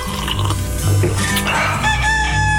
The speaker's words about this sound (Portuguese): Olha ele aí, o galinho cantando no nosso de casa, na nossa manhã Continental, para acordar você, para lembrar você que já tá quase na hora de levantar.